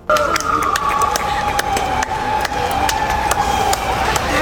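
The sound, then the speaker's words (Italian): A steady, slowly falling National Guard siren tone sounds throughout, with scattered sharp claps of sparse applause popping over it irregularly and a murmuring crowd in the background, at a heavily secured team training camp in Tijuana, Mexico. “Il ritiro in Messico, a Tijuana, super blindato, coi pochi applausi che si mescolano alle tante sirene della Guardia Nazionale.”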